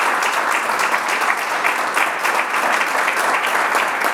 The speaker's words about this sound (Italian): Applauso